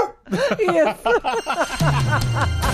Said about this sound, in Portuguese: Isso. É um cachorrinho.